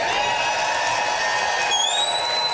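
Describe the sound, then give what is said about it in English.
A large public radio audience at the Regina Performing Arts Center in Saskatchewan, Canada, cheers and roars in a steady, dense wash of noise, with shrill whistles cutting through toward the end. “I'll tell you this, those who are listening, this is one tough-looking public radio supporting crowd here tonight.”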